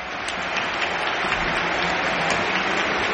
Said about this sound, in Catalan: Aplaudeix el públic dret acomiadant Rafinha, que també retorna els aplaudiments.